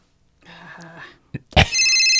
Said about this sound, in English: Oh, wait. I'm sorry. I think the audience got a phone call. Yeah. Oh, answer that. I hope they don't get a fax.